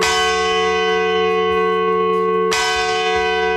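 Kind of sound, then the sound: signal or alarm, church bell tolling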